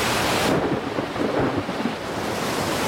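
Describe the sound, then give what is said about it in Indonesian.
A sudden thunderstorm roars with heavy, steady rain and low rumbling thunder rolling underneath, loud, with a sustained wash of noise throughout and no voices. “Hei, ada apa ini? Mengapa tiba-tiba ada badai?”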